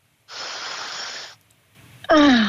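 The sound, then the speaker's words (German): A single deep inhale of fresh Tyrolean air at a window, a steady airy rush lasting about a second, followed after a short pause by a loud voiced sigh of release. “Komm, wir atmen mit.”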